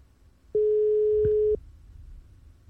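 A single telephone ringback tone sounds for about a second as the next person who signed up for a casino card game is called, a steady electronic hum over faint low background noise, with no talking.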